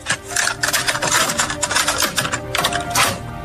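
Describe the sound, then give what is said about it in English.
Busy plastic clicking and rattling as a cassette tape is handled and pushed into a player, a steady run of small mechanical clacks lasting a few seconds with no voices. “Cassette tape.”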